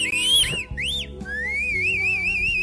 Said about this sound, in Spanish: Uy, qué chiflido tan raro. Bueno, Rapunzel. ¿Quién chifló?